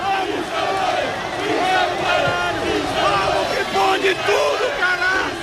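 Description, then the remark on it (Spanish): A large crowd of football fans, over 4,000 people at a south roundabout, welcomes the passing Unión Deportiva Almería team bus, cheering and chanting together, many voices overlapping in a loud, steady roar that holds for the full few seconds with rising shouts and whoops. “Este es el recibimiento.”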